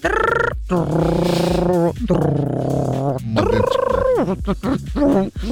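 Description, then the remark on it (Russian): A voice mimics an old dial-up internet modem connecting over a city telephone line: loud warbling, screechy tones in sustained pitched stretches with brief gaps, ending in a string of choppy, rapid bursts. “Знаете, мы такие старые, что мы еще помним, как, знаете, вот такой звук был.”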